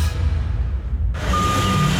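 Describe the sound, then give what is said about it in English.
A heavy removal truck engine rumbles loudly, its pitch shifting midway as it maneuvers and pulls up, followed by a steady high electronic tone like a reversing alarm near the end. “Hear that? That's one of AML's removal trucks pulling up.”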